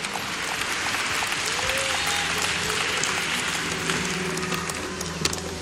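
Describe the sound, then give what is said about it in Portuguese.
An audience applauds steadily in honour of the Lord Jesus, a dense, sustained wash of clapping hands that holds at an even loudness throughout, with faint tonal hints of voices or instruments underneath. “Deus abençoe a todos vocês, toda a honra e todo o aplauso ao nosso Senhor Jesus.”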